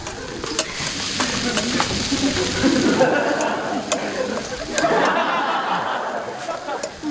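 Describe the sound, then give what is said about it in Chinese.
Steady, dense sizzling and crackling of yellow millet frying in hot oil, continuous, with faint utensil stirring and brief background voices. “哟，炸黄米， 对对， 够香的啊！”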